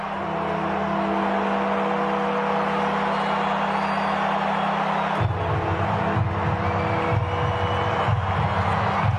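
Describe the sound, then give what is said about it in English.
A dense, unbroken roar from a crowd of 54,000 at Perth Stadium during the Dockers versus Hawthorn match fills the whole stretch at high volume, with steady ringing bell tones running through it, flags waving, and a shift in the din about halfway, during Warfy time as Fremantle come back. “The bells are ringing, the crowd is generating a lot of noise, the flags are waving.”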